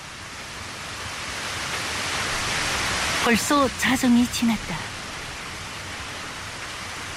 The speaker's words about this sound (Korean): 비 오는 밤거리에는 사람 하나 얼씬하지 않았다. 밤에 짖기 좋아하는 개들도 끝없이 좌르륵 좌르륵 쏟아지는 빗소리에 지쳐버린 듯 다시는 이런저런 소리들에 귀를 기울이지 않는다.